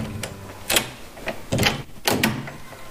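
A locked room door is unlocked and opened: a series of sharp clicks and rattles, then a broader scraping bang as it swings, a few mechanical knocks spread over a few seconds with no voices.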